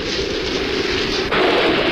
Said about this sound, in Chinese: 雨越下越大